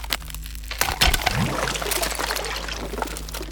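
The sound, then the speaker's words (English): A sharp crack rings out, followed by splashing and trickling water, as the ice over a pool cracks above a sword and a hole appears; fairly loud, with no talking. “The ice above the sword cracks and a hole appears.”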